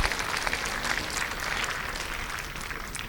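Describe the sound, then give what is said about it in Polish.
Steady applause from a conference audience for Anna Komorowska, the conference's honorary patron, a dense crackle of many hands clapping without pause for about three seconds, no voices over it. “Proszę o brawa dla pani Anny Komorowskiej.”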